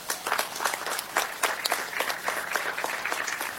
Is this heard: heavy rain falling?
no